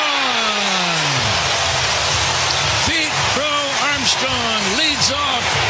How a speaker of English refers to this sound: Listen to this crowd. Yeah, that's how you sound when you hit a 435-foot home run for your eighth leadoff home run of the career.